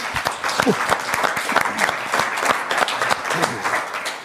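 Audience applause fills the whole stretch, a dense steady patter of many hands clapping at a fairly loud, even level, with a few faint voices mixed in, welcoming a panel guest from Potsdam.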